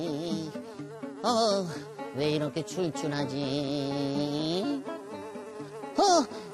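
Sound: fly buzzing in flight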